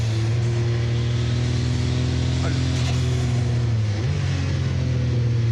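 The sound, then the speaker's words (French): An 800-horsepower race car engine roars loudly, holding a steady, buzzing drone before its pitch jumps upward near the end as it accelerates out of the 180 corner, a loaded turn, with constant wind and road noise underneath. “Là, faut faire super gaffe à l'accélération à la sortie du 180. Parce que c'est un virage en appui, il y a 800 chevaux à gérer.”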